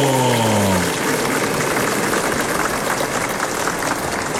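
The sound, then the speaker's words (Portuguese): A crowd applauds with dense, steady clapping that stays loud and even for the whole stretch, while a brief falling tone fades out in the first second. The applause is during the afternoon novena at the Santuário Nacional in Aparecida, for those following the broadcast. “Uma salva de palmas para quem está nos acompanhando.”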